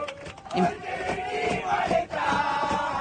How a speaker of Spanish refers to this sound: Esto es adentro del avión. Esto es adentro del avión. Y empiezan a gritar y empiezan a cantar.